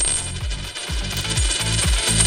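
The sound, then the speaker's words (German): A coin drops and rattles, spinning down with a series of quickening metallic rings and low wobbling hums as it settles. Fairly loud, no voices. “Ja, das ist die Münze, wo runterfällt. Genau, das ist eine Münze.”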